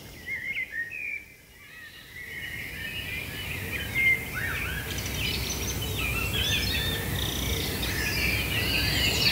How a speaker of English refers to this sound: We got Robin there. Robin. Blackbird, wood pigeon. So the robin is that faster, more twittery kind of song that you're hearing. I was thinking like a blackbird sped up.